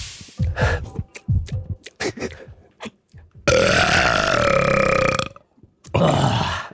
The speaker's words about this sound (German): Du musst Richtung Tommy rülpsen